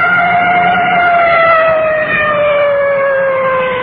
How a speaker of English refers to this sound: Our safety on this kind of a deal is based primarily on the motorist ahead. Coming up to a large intersection, I can hear that full treatment on the siren.